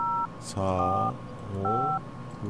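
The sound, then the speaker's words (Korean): Two short dual-pitched keypad beeps of a phone being dialed at a broadcasting station to reconnect a caller, clear, separated by a voice speaking, with another voice starting at the end. “자, 다시 한번 연결하겠습니다.”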